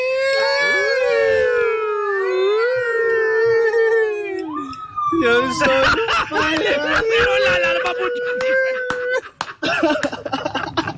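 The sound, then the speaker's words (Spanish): A voice sings an imitation of an ambulance siren passing by, mimicking the Doppler effect: a steady wailing tone that bends downward in pitch as it goes past, then continues with noisy rustling and background chatter. “¿Y que es el efecto Doppler y todo cuando pasa la ambulancia al lado de uno?”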